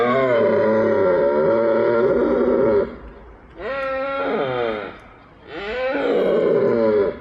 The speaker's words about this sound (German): Wie von Mario Ritter bereits erwähnt, befinden sich die Hirsche gerade in der Brunftzeit, was weithin akustisch zu vernehmen ist.